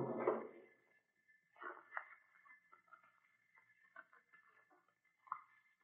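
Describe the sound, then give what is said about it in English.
A dull thump opens the sequence, followed by irregular light clicks, taps and soft rustling as files are flipped through in the drawer of a file cabinet by the door in a museum, searching for the architect's plans of the museum, with a faint steady hum underneath and no voices. “I shall try the file cabinet by the door.”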